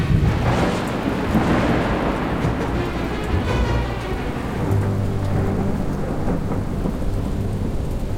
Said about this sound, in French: La tempête souffle depuis maintenant 15 heures.